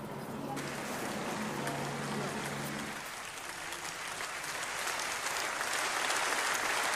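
Sustained applause from a large audience in a parliamentary chamber, greeting European Commission president Ursula von der Leyen's announcement that the European Union will ban social media for under-13s; a dense steady patter of many hands clapping that swells slightly louder toward the end, with faint low voices underneath at first.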